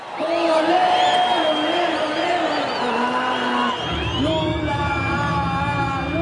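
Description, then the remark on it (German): Nearly 40,000 supporters of President Lula and the Brazilian Workers' Party, with red flags, T-shirts and banners, cheer loudly and continuously at the campaign launch in the Vila Euclides stadium in Brazil. A dense roar of many overlapping shouting voices and whoops, with a deeper rumble joining in partway through. “Die Anhänger von Präsident Lula tauchen das Stadion Vila Euclides in die Farben der brasilianischen Arbeiterpartei.”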